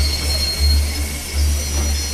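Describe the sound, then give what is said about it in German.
The Nordexpress train rolls into platform 7 of a station, its heavy low rumble swelling in slow pulses beneath a thin, steady metallic squeal from the wheels, loud with no voices. “Treten Sie bitte zurück an Gleis 7. Der Nordexpress fährt ein.”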